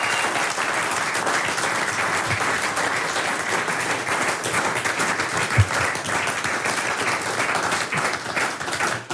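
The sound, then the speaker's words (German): Sustained applause from a sizable crowd at the Heimattage in Oberkirch, a dense, steady wash of many hands clapping at even loudness for several seconds without a break. “Ihr Applaus.”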